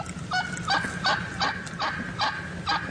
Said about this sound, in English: I got some wild turkeys. Let's hear wild turkey.